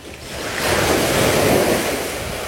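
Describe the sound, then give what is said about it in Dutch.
Surf waves break and wash onto a white sand beach at the bay of Han on a sunny day with clear blue water, in a steady, loud roar that swells in the middle, with some wind buffeting the microphone and no voices. “We lopen door de branding als Modu met een ernstige blik vertelt over het probleem.”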